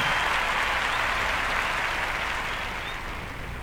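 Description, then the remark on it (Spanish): Sustained applause from an audience for the Filarmónica de Mendoza, a dense crackle of many hands clapping at steady volume that only slightly eases toward the end. “fuerte el aplauso.”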